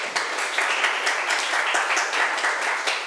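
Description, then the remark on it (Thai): A class of students applauds a classmate in a steady, dense, even patter of many hands clapping at once. There is no pause across the few seconds. The clapping is fairly loud and bright, with no voices standing out. “ขอบคุณค่ะปรบมือให้เพื่อนหน่อย”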